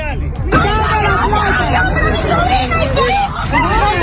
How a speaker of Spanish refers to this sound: Lo que escuchas son familias, familias indignadas que se enfrentan a la policía militar venezolana al verla robar dinero y joyas de las casas derruidas tras los terremotos hoy, hace 7 días.